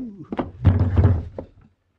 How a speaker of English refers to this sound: You sure must have got yourself a good whack on the head. Hit me with a rifle butt.